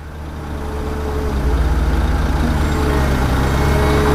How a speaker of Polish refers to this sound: Jesteśmy w Poddębicach na moście drogowym nad rzeką Ner. Tuż za mną słychać maszyny budowlane, które tutaj pracują. W ostatnich dniach rozpoczęła się budowa nowej części bulwarów nad Nerem.